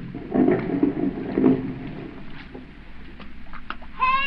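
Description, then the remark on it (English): A big speedboat's motor misfires just offshore on a lake, sputtering unevenly in a low rumble, with a couple of louder bursts before it conks out and fades. A voice shouts briefly at the very end. “The motor was missing. It conked out just offshore.”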